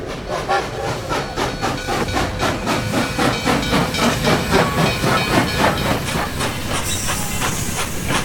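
A train bound for Mannogun pulls into a station with steady mechanical rumbling and rhythmic clatter, then a loud hiss of air brakes or steam near the end. No one speaks.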